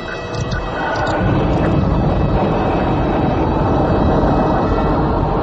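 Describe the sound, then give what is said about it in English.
A spacecraft engine ignites, its roar swelling within the first second into a loud, steady, full-bodied rumble that holds for the rest of the takeoff as the craft jets toward the star city of Imbria, unbroken, with no voices. “Ignition, Skipper?”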